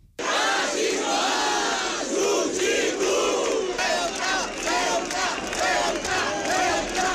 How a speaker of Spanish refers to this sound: Con gritos cruzados, por un lado, en favor de Ceuta, por otro, contra el racismo, el fascismo.